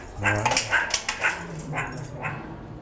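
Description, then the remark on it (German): Hungry meerkats call in a quick series of short, high, yipping chirps, fairly loud, with a few overlapping calls over about three seconds. “Keine Frösche, sondern die Erdmännchen.”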